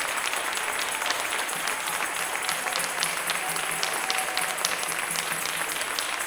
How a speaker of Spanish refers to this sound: Bendito Dios. Fuerte ese aplauso al Rey de Reyes.